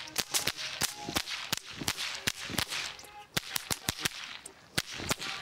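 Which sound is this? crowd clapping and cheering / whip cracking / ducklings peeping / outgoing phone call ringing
whip cracking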